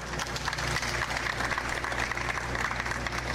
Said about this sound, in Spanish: Yo creo que es muy merecido ese aplauso